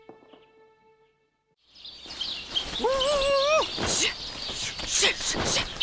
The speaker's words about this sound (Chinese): 哎呦，麻雀太多了。赶紧在农田上撑起网。 二月份水稻灌浆，只有我们试验田有水稻，又没打药，这些鸟儿会赶大集一样越来越多。